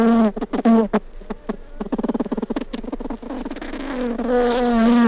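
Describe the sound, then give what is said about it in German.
A bee buzzes, its droning hum breaking into short stuttering bursts before settling into a steadier, slightly higher-pitched whine. No one speaks. “Und so hört sich eine Biene an.”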